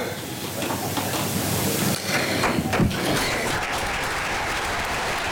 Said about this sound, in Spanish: Discurso de María Echivite ante el Comité Regional del Partido Socialista, que, como escuchamos, aplaude el discurso de la que ya es su precandidata a liderar la lista al Parlamento del Partido Socialista